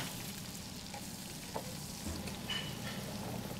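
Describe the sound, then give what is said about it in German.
Steady sizzling of a schnitzel frying in hot fat in a pan, with a few brief scraping clinks as the first schnitzel is turned, without any talking. “Jetzt fangen wir an, das erste Schnitzel zu drehen.”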